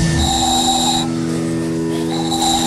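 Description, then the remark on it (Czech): A handmade ball-shaped whistle is blown at a town festival with stalls in Pernink, Czech Republic, in fine weather. It gives a steady, shrill tone, stops for about a second, then sounds again. It is fairly loud, with no talking. “Vyrábil jsem tady takový kuličky, do toho se fouká a se toho vyrobí taková píšťalka.”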